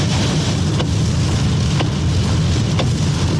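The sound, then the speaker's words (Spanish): A truck passes at normal speed over the Manuel Rodríguez bridge in the rain, its low engine drone under a constant loud hiss of spray and rainfall, with faint ticks about once a second. “Me han pasado varios camiones y van a una velocidad normal, que para esta lluvia es bastante peligroso, pasando por el puente Manuel Rodríguez.”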